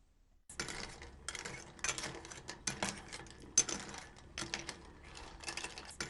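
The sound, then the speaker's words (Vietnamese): Miso broth with clams being gently stirred in a pot, giving a steady run of small clinks, scrapes and rattles of shells and utensil against metal, with no talking. “Sau khi hỗn hợp tương hòa với nước thì đổ vào nồi và quấy nhẹ tay sao cho ngao không bị rời ra khỏi vỏ.”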